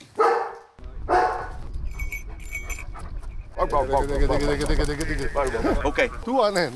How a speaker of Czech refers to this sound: Místo obvyklého ticha byl včera okolo Labské boudy v Krkonoších slyšet hlasitý štěkot.